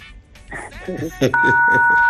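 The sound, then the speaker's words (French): Midway through, a loud, steady electronic telephone tone starts and holds to the end, ringing out over people talking underneath. “Le téléphone.”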